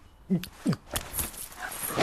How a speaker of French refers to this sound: Oh là, abruti de chien.